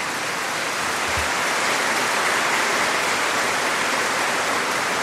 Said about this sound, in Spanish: Un fuerte aplauso a nuestra Santísima Virgen.